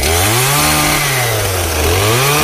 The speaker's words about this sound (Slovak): No už cítiš ten benzín. V Malinci bude totiž to súťaž v zručnosti s motorovou pílou drevorúbač už zajtra. Hlavne si treba dať pozor na končatiny.